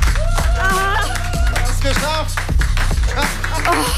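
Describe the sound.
Steady, fairly loud clapping runs throughout, mixed with excited voices calling out and cheering over the top of it.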